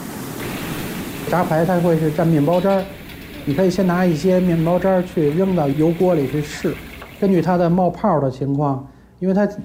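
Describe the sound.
A steady crackling sizzle of meat frying in hot oil runs underneath throughout, while a man talks continuously over it at close range.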